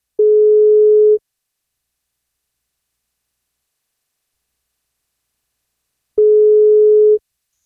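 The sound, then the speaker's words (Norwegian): Two long steady ringback tones, each about a second, separated by a long silent gap, the pattern of a phone ringing on an outgoing call placed by radio station 1FM to a birthday cake winner. The pitch is mid-low and constant, with no talking. “Men for at hun skal få bursdagskake, så må hun ta telefonen når vi ringer.”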